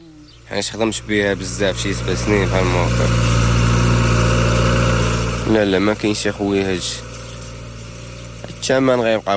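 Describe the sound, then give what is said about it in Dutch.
A recently bought tractor idles steadily on a farm near the village of Tiveld, Morocco, a low continuous rumble running the whole time, while a person talks over it in short bursts. “Hij heeft onlangs een tractor gekocht die hij ook te huur aanbiedt aan andere boeren.”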